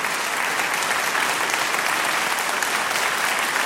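Steady audience applause as someone reaches the plinth for a Sony Award, a dense wash of many hands clapping at an even, sustained loudness for a few seconds, with no voices standing out.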